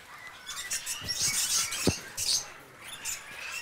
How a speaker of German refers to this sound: ein Edwardsfeigenpapagei hier. Ja, der. Ja, bei dem Paar hier.